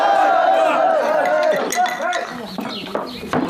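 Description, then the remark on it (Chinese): Glasses of wine clink several times in quick, scattered strikes in a toast, partly buried under a loud crowd of voices shouting and cheering together. “来， 干杯！”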